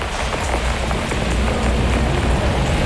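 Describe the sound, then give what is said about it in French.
Steady rain pours down over the city, a dense, even hiss of countless drops pattering on hard surfaces, continuous and fairly loud throughout, with no voices. “J'aime bien la pluie sur la ville. En plus, abrité sous un parapluie.”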